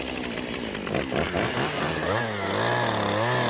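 A chainsaw used by a chainsaw artist runs steadily, its pitch rising and falling as the throttle is worked, then settling into a loud, sustained high-revving drone.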